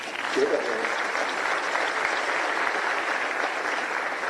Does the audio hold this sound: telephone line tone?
no